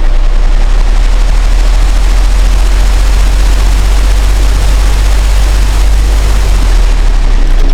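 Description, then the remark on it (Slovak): An electric fan whirs steadily, a constant airy whoosh over a deep low hum that stays loud and unchanging throughout, with no voices. “Jeden ventilátor posielam.”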